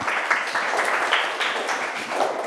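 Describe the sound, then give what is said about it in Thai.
A class applauds group 4 for their answer, a steady dense patter of many hands clapping at once for a couple of seconds with no one talking. “เก่งมากสำหรับกลุ่ม4ปรบมือให้กลุ่ม4ค่ะ”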